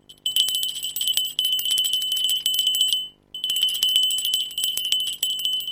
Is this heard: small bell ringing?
yes